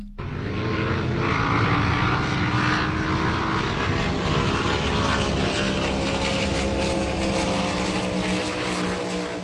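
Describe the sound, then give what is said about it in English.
Powerboat racing engines on the Manning River roar in a loud, unbroken drone with a buzzing, harmonic whine that holds steady throughout, with no voices. “Have you ever heard of powerboat racing?”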